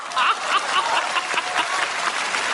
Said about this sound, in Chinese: 冯巩乘舟将欲行，忽闻岸上歌声，桃花潭水深千尺，不及大家送掌声啊！